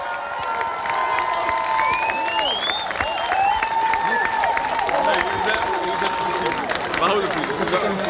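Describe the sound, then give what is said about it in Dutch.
Loud, sustained applause from a large crowd at a prize ceremony for the team CVV Zwervers, placed 12th, dense and steady throughout, with cheers and a few rising whistles cutting through the clapping. “Mag ik een oorverdovend applaus voor ons eigen team, CVV Zwervers, op de 12e plaats.”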